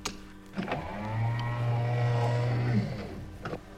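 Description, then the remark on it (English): Motorized sound doors at Cloud Base slide closed: a click, then a steady low electric whir for about two seconds, ending in a soft clunk as they shut. No one speaks. “Close the sound doors, will you?”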